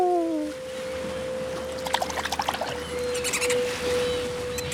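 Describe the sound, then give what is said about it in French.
A small boat glides through the sea: steady lapping and trickling, a constant tonal hum underneath, and a quick run of rhythmic splashes midway, with no voices. “On part en bateau.”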